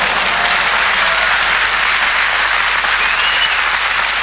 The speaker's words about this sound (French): Alors les gens applaudissaient, ils applaudissaient, les gens. Ils applaudissaient.